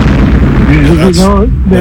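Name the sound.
fireworks exploding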